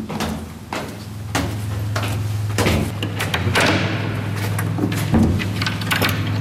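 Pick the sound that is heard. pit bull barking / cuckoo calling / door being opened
door being opened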